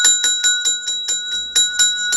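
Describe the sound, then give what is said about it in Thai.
A small bell, rung as a morning wake-up greeting, rings rapidly and repeatedly, about nine bright metallic strikes in a steady rhythm, each with a sustained shimmering ring. Fairly loud, with no talking. “นี่เนี่ยระฆังใจโอ้สาธุค่ะเนี่ยอรุณสวัสดิ์ท่านผู้มีบุญทั้งหลายตื่นตื่นตื่น”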